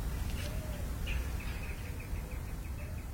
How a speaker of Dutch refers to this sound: En je hoort, we eindigen met gewoon de buitenmicrofoon. Klinkt daar al iets? Ik hoor een duif. Dat is toch ook altijd mooi.